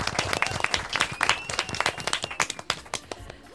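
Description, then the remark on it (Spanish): An audience at a quiz contest breaks into loud applause, a dense patter of many hands clapping for a few seconds, with faint cheering mixed in. “¡Fuerte aplaudimiento!”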